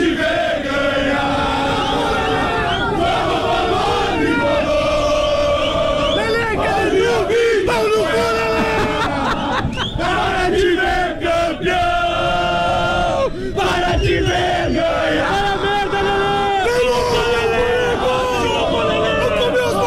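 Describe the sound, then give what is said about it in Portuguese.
A large crowd of Grêmio football supporters chants and sings in unison at the arena ahead of the Grenal match, a dense, loud wall of voices with a steady rhythmic melody that never lets up across the whole stretch. “Torcida do Grêmio na arena, onde estamos com o nosso posto avançado para o Grenal”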